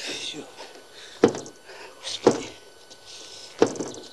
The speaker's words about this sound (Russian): Пытается открыть дверь.